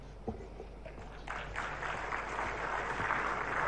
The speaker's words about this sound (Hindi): तालियों के साथ सबने उसका अभिवादन किया।